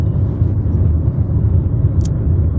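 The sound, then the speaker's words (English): Steady low rumble of a car interior while driving, a constant dense road and engine drone with a brief high-pitched blip near the end, no voices. “We might be the first podcast from a car on the interwebs.”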